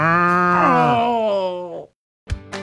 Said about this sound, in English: I think this cow likes me.